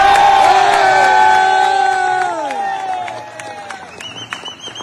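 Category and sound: crowd, crowd applause and cheering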